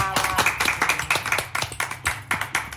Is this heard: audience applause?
yes